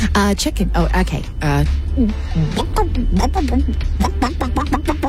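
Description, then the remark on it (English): A person imitates a chicken, giving a quick run of choppy clucks and a drawn-out squawk, followed by more short, bouncy vocal cluck sounds, fairly loud. “Mama, what does the chicken say?”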